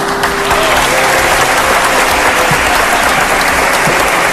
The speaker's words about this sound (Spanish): Y situación para el recuerdo, con Pedro Martínez elevando el trofeo al cielo dentro del centro religioso y levantando también los aplausos entre los allí presentes.